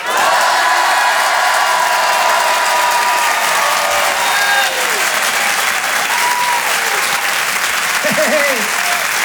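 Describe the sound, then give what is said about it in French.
An audience roars with sustained loud applause and shouting on cue after a count of three while a performer films them on video for Facebook. Dense clapping fills the whole stretch while scattered whoops and cheering voices rise above it, with some high shouts near the end. “Vous allez tous crier, je la mettrai sur Facebook.”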